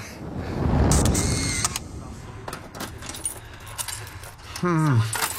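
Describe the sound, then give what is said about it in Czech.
Clubroom keys jangle in a few bright metallic bursts, with scattered clinks and handling noise between them, then a brief voiced sound near the end. “Zase jste přeházel klíče mezi klubovnami v prvním a druhém patře.”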